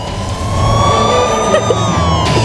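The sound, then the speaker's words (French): A loud emergency siren holds a steady, slowly bending wail over the low rumble of street traffic, continuous for the whole stretch with no voices. “C'est à Manhattan, mais il y a un peu de trafic là actuellement sur la route.”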